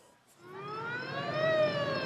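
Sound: ambulance siren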